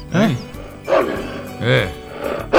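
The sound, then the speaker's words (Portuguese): Dogs bark in loud bursts, four sharp barks spaced evenly about a second apart with brief gaps between them. “Esse é o Homem dos Cachorros? Não, esse aí é o Homem, é o Homem dos Cachorros.”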